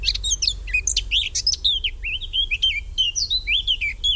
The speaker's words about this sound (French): L'oiseau numéro 8, c'est la fauvette à tête noire, c'est l'oiseau qu'on entend le plus chanter en ce moment, donc qui est sédentaire.